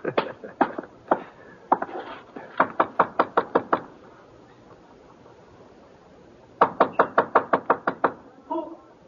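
Sharp, loud knocks on a door come in rhythmic bursts: a few scattered raps, then a quick run of about eight, a pause, and another rapid volley of knocks.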